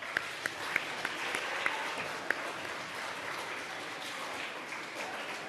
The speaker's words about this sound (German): Und auch für die fünf einen heftigen Applaus.